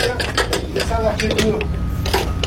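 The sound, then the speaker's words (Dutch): A fire truck's pump engine, with a large hose attached at the back, runs with a loud, steady low rumble, overlaid by rapid mechanical clattering and knocking as water from the municipal swimming pool in Cournon-Terral, Hérault, southern France, is forced into the tank, with faint voices underneath. “De motor gaat aan. En met een enorme kracht wordt de wagen volgepompt.”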